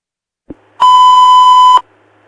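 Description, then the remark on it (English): A short click, then a single loud, steady electronic alert tone that holds for about a second before cutting off abruptly, a fire dispatch tone sounding over a radio, with bells ringing for Station 7 and a call to 8500 Balboa. “7 Bells ringing, 8500 Balboa.”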